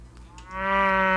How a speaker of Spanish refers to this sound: Así hace la vaca.